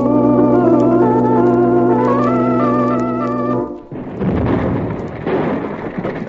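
A loud, steady harmonic tone like a straining steam whistle holds for a few seconds as an overloaded donkey-engine boiler gives way, then a heavy, rumbling explosion blows up the pump house, its roar and debris noise continuing to the end.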